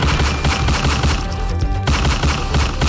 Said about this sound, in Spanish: ataque conmocionó a los habitantes del barrio Sachamate en inmediaciones de una conocida tienda de la esquina, donde un hombre fue atacado a disparos de arma de fuego en plena vía pública. La víctima, pues, recibió al menos 6 impactos de bala.